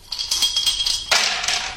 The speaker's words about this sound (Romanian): Dau eu cu zarul.